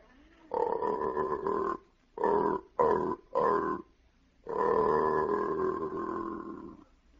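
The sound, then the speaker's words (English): An aardvark's mating call from a record, played backwards and slowed down: a long, low groaning bellow, three short grunts in quick succession, then another drawn-out bellow, loud with no voices. “That was the same mating call, only played backwards and slowed down.”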